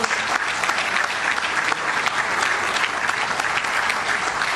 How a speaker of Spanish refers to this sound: Ahí está, y el correspondiente aplauso.